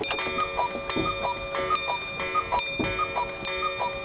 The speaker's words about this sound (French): Je me réveillais comme la pendule sonnait 6 heures. On fait sonner la pendule ? Allez, on se fait plaisir.